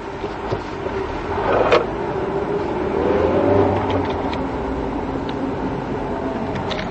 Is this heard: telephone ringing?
no